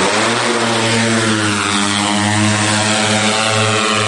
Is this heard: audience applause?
no